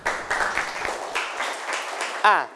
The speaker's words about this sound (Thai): ถูกต้องนะครับปรบมือให้เพื่อนหน่อยนะครับ